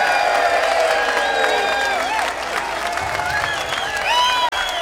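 A large crowd applauds steadily throughout, with whistles and cheering voices rising above the dense clapping, loud and sustained before cutting off abruptly near the end.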